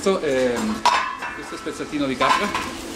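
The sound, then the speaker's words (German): Metal cooking pots clink and clatter in an inn kitchen in Foroglio, where polenta simmers in a copper kettle and goat goulash in a pot in autumn, with two sharp ringing clanks standing out over a steady bed of lower scraping and stirring sounds. “Und jetzt im Herbst köchelt bei ihm die Polenta im Kupferkessel und das Ziegengulasch im Topf.”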